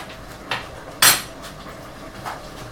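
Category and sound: household object, stirring food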